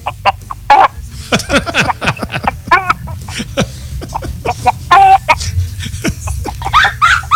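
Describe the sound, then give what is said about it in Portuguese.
Two hens cluck busily, a rapid jumble of short, overlapping bursts that keeps going throughout, over a low steady background rumble, with no one speaking. “Tem 2 galinhas aí, não? Tem, ó. Tá dormindo ali, ó. Acorde elas aí, então.”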